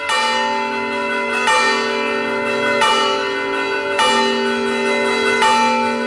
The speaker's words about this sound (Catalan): Com van girant les campanes, és un toc de campanes característiques, diu la Barram. Encara que et costi de creure, reuneix també no milers de persones, però sí centenars de persones a la plaça Santa Maria per veure com giren les campanes.